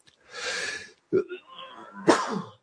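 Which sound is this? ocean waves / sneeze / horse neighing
sneeze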